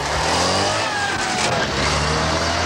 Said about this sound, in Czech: Otázka je jasná, které auto kolem mě a Klárinky před malou chvílí projelo.